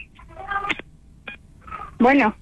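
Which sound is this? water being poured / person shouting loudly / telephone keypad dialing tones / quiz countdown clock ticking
telephone keypad dialing tones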